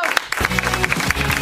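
An audience bursts into dense, steady applause, many hands clapping at once in a loud wash of sound, with a voice faintly audible beneath the clapping.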